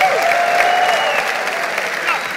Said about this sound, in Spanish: Dale un aplauso al Señor fuerte. Fuerte, vamos, fuerte.